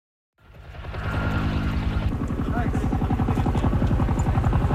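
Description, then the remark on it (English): A helicopter's rotor thumps in a rapid, steady chop over a loud engine whine, rising in quickly from silence and staying heavy throughout, as helicopters drop water on a fast-growing blaze in Greece that broke out overnight. “In Greece, helicopters drop water on a blaze that broke out overnight and has grown rapidly.”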